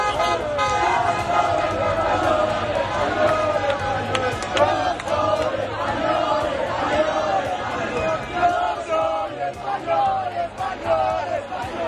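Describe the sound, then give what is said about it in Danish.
A dense, loud crowd in the streets of Madrid shouts and cheers continuously, celebrating a Spanish victory, voices overlapping into a roaring din, with occasional car horns tooting through the celebratory noise. “Nej, lad os da komme en tur til Madrids gader.”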